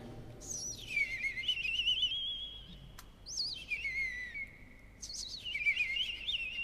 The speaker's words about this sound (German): Dann setzt das Rotkehlchen ein mit dem silberhell perlenden Gesang.